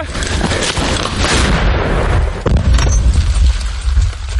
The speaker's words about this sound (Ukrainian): Ця ігрушка. Гармата насправді дуже гучна і потужна. Гармата!